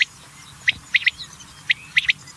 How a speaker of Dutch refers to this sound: In het natuurgebiedje Sint-Laurense Weihoek bijvoorbeeld bij Middelburg zijn 20 roepende mannetjes geteld. En dit is dan het geluid van de kwartel.